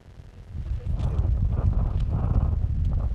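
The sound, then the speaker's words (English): Strong, cold wind buffets the microphone at 12,000 feet up in the Andes outside the Colombian town of Cogua on a July morning, a loud, continuous low roar that swells after the first half second and keeps blustering with rough gusts throughout, with no voices present. “It's brutally cold and windy at 12,000 feet up in the Andes as I walk toward what looks like a shrubby moonscape on this July morning.”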